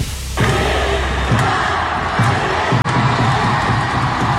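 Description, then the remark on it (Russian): Fans of the Yugra hockey club roar and cheer loudly without a break as their team wins the Russian championship, with a steady beat of low thumps about once a second underneath, like stomping or drumming. “Так встретили болельщики хоккейного клуба «Югра» чемпионство любимой команды.”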